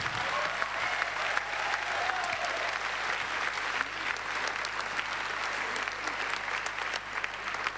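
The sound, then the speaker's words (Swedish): An audience breaks into sustained applause, a dense, steady patter of many hands clapping at an even loudness for several seconds, with faint murmurs and a few cheers mixed in. “Nu ger vi dem en stor applåd.”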